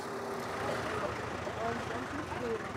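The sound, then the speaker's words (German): A garbage truck rumbles steadily as it drives toward a pond at a festival, where it will start collecting guests' garbage bags. Its engine noise is constant throughout, with faint indistinct voices mixed into the background. “Wir fahren jetzt bis da vorne zum Teich und dann fangen wir an mit der Müllsammlung.”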